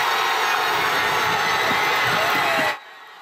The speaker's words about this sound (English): More than 100 people packed the square for the watch party, chanting and cheering for both teams.